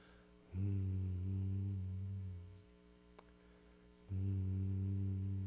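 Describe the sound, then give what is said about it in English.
A person meditating, with middle finger and thumb pressed together, hums two long, steady low tones like a meditation chant, each sustained for a couple of seconds with a quiet pause between them, fairly loud. “I don't know why I'm humming, but it just seems like when you meditate, you're supposed to hum.”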